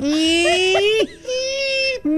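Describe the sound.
A voice mimics a creaking kitchen door swinging open with two drawn-out, whiny tones. The first slowly rises and bends at the end, and the second holds steadier after a brief pause, both loud and alone.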